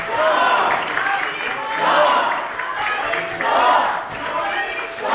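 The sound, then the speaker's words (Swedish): Members of the Swedish Riksdag applaud Crown Prince Reza Pahlavi steadily while voices in the audience chant "Javid Shah" ("long live the king") in rhythmic waves, rising and falling about every one and a half seconds. “Pahlavi applåderas av svenska riksdagsledamöter, och några i publiken ropar också Javid Shah, alltså länge leve kungen.”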